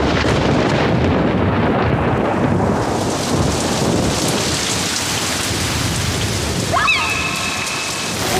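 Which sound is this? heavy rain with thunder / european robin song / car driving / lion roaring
heavy rain with thunder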